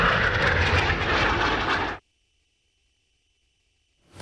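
A loud roar of jet aircraft of the Turkish Air Force aerobatic team Turkish Stars, flying the finale of an air show, fills the first two seconds with broad, rushing engine noise, then cuts off abruptly into near silence.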